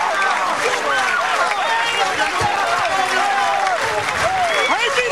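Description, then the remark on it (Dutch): A crowd of Dron Riep supporters cheers loudly and continuously after the team wins the 124th PC final against Frenzy, with many excited shouts and whoops rising over a dense wash of clapping that holds steady throughout. “Dan je meer het gejuich derde van de Riepsters.”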